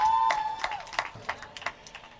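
A church audience breaks into applause with acclamations after the Gospel reading, sharp claps landing in a loose, rhythmic pattern. A single sustained high-pitched vocal note, like a cheer, rings out at the start, then the clapping continues alone.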